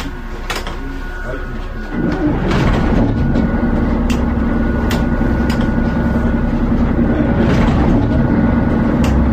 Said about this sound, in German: Und natürlich auch mit unserem OKSAR Sound Express, dessen Motoren ich jetzt mal starten werde.